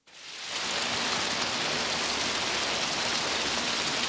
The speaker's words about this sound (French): Et elle chercha dans le jardin tous les endroits où les gouttes de pluie tombaient le plus fort.